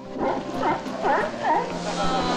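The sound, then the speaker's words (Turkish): A colony of about 600 California sea lions barking at Los Islotes, a 450-metre volcanic rock outcrop, in a noisy chorus, with repeated hoarse, honking calls overlapping one another over a steady background roar. “Kaliforniya deniz aslanlarından oluşan 600 üyeli bir koloni burada yaşıyor.”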